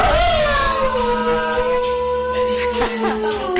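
A small dog howls in a long, wavering, sliding cry, loud and close, with steady music playing underneath throughout.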